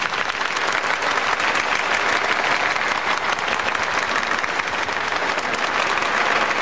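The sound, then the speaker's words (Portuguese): An audience gives a strong round of applause thanking the seminarians for their presence this semester, a steady, dense wash of many hands clapping at an even loudness throughout, with no single voice standing out. “Mas vamos agradecer a presença dos seminaristas aqui durante este semestre com uma forte salva de palmas.”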